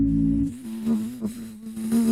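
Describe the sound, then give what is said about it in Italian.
A person imitates a mosquito's whine with their voice, a steady nasal buzz that wavers slightly in pitch for about two seconds, fairly loud, with no talking. “Dalla zanzara classica. …, come fa?”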